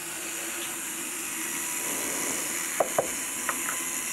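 A small drill boring very fine holes for a saw blade runs with a steady, even hissing whir throughout, faint tonal hum underneath, and a few sharp little clicks near the end as the bit works through.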